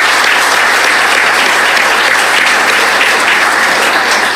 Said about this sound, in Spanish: En verdad, muchísimas gracias y un aplauso, por favor, para ellos.